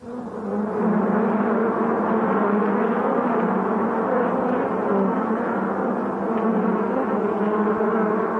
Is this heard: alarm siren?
no